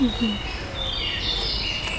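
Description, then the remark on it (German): A small brown songbird, a chiffchaff, gives thin, high-pitched calls, faint and drawn out over a steady rustling background with a low hum. “Kleiner, unscheinbarer KBV, kleiner brauner Vogel.”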